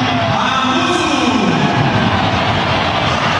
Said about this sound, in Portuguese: Também bem aplaudido